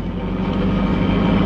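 At night, a car's engine roars as it approaches at high speed, a loud, steady low rumble with broad road noise and no voices over its short span.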